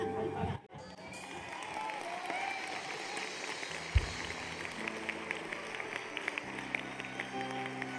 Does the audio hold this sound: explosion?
no